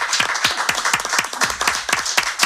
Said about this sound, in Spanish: Bueno, un aplauso, un aplauso.